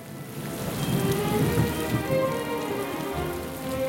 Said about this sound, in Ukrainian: Не встиг наш сміливець ускочити в ліс, як у горі блиснуло, загуркотіло, і пішов рясний дощ.